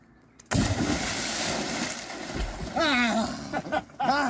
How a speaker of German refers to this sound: eröffnen die Badesaison. Arschbombe, okay?